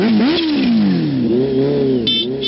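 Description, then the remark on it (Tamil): A vehicle engine fires up and revs as people set off, its pitch climbing, dipping and rising again in loud bursts with a steady mechanical rumble underneath; no one speaks. “சரிப்பா சரிப்பா, வண்டி எடுப்பா.”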